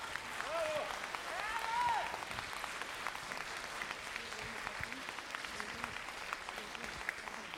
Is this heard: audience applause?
yes